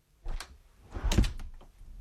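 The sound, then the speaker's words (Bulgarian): A door swings shut as someone leaves: a few sharp clicks and rattles of the latch, then a heavy, muffled thud as it closes, followed by faint knocking settling sounds. No voices. “Заключи вратата след мен. Излизам!”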